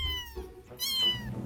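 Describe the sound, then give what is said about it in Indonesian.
Two clear cat meows in quick succession, the second louder and more drawn out, with a faint low rumble underneath and no talking. “Tahu gak, ternyata kucing punya kemampuan vokal super lengkap. Mereka bisa menghasilkan hingga 100 jenis suara yang berbeda. Mulai dari mengeong, mendengkur, chirping, trill, hingga suara-suara unik lainnya.”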